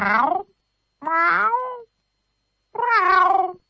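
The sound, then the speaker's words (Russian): A cat meows three times in clear, moderately loud calls, each a drawn-out tonal cry with a bending pitch, separated by short silent pauses. “Кот снова несколько раз мяукнул. Это было самое обычное кошачье мяу.”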